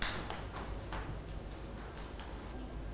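Children clap their hands in a loose, uneven patter, a handful of light, sharp claps spread over a few seconds, fairly faint over a steady low hum, with no one talking.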